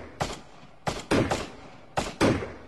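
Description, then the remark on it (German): Gunshots of a hunt over a marsh crack out in quick pairs and a triplet, about six in all, each sharp burst trailing off with a brief rumble across the open air. “Piff, paff! Zwei Schüsse ertönten und beide Gänseriche fielen tot in das Schilf nieder. Dann knallte es wieder.”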